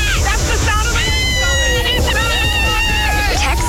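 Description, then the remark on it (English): A lively crowd of voices shouts and chatters over a constant wash of splashing, rushing water, with excited high-pitched calls rising and falling throughout, at the SOAKY Mountain water park. “But there's a water park.”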